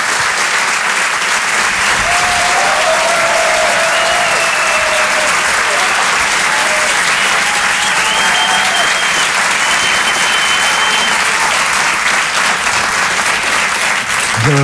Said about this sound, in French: Cet artiste, vous allez voir, nous propose un spectacle de stand-up. Je vous demande de l'applaudir très chaleureusement.